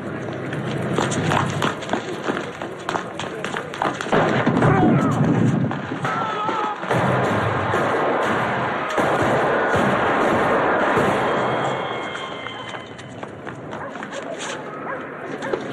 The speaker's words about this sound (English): just a bunch of gunshots, but something about the feet, the way they were. The Godfather. That's when they whacked or tried to whack the Don with five shots, and he's still alive